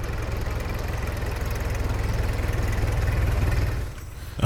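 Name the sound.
car engine idling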